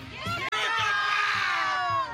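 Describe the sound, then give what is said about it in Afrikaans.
A crowd of schoolchildren at Newton Park Laerskool, a primary school, shouts and cheers loudly and continuously, many high voices blending into one excited roar, with a brief cut just after it begins. “Vir wie skree julle?”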